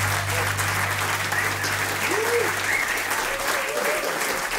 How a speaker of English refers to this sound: Turn off the applause.